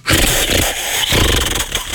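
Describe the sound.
A voice imitates a jackhammer with a loud, continuous rattling buzz lasting about two seconds, its harsh throaty pulses juddering rapidly with a brief dip near the middle.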